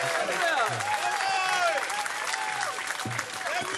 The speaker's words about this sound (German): Applaus für Aftercooking